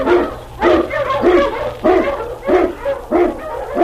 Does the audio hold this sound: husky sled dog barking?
yes